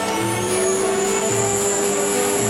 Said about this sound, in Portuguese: e nós vamos, nesse momento, pegar o aspirador de pó e aspirar toda a poeira da vitrola.